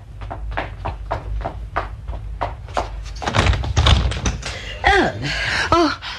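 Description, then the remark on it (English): Quick, evenly spaced footsteps of a woman going down to answer the door approach, then the front door is handled and swung open with a few squeaky creaks, moderately loud. “Let me answer the door.”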